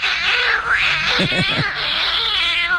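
A cat meows loudly and continuously in long, wavering, high-pitched yowls, with no talking over it.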